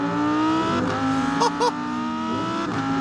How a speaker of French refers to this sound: V10 atmosphérique, 610 chevaux, 565 Nm de couple. Mais le mot principal pour moi ici, c'est atmosphérique. Ça hurle. L'échappement est extrêmement court vu que le moteur est central arrière. Écoutez ça.